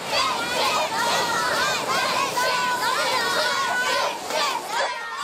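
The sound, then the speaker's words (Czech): A crowd of children cheers and shouts together at a hockey game, a loud, continuous wash of excited young voices that rises and falls for several seconds. “Jú, a co kdyby tady na pláži fandili děti hokeji?”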